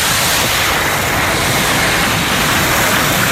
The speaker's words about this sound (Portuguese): O mar, na praia de Normandía, na praia do Maja.